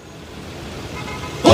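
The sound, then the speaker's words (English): Dense daytime traffic on an eight-lane highway rumbles steadily, vehicles starting and stopping bumper-to-bumper in a low, continuous drone, until a loud car horn suddenly blares at the very end. From the opening of the film Office Space. “Daytime, a traffic jam spans an eight-lane highway.”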